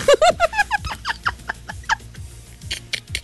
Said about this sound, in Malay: Ada ayam.